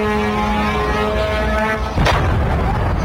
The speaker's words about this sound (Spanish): Irán asegura haber respondido con misiles y drones contra instalaciones con presencia estadounidense en distintos puntos del Golfo. Esta es una de esas explosiones recogidas en Kuwait.